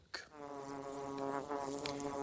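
A steady, droning buzz of bees around the hollow tree where they live and make honey holds throughout, fairly loud, with a slight wavering in pitch as if insects hover. No one speaks.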